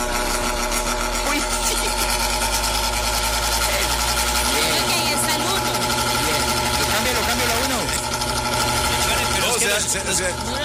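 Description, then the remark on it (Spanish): An electric fan runs steadily with a loud, continuous motor hum and a persistent mechanical rattle from its small axle; the low drone shifts partway through while the clattering whir carries on. “Así arranca el ventilador de lechón.”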